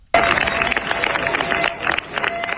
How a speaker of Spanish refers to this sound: Así han despedido los vecinos de Niebla entre aplausos a los efectivos de la UME, que han comenzado su repliegue tras 10 días de lucha contra un incendio que ha recorrido más de 38.000 hectáreas.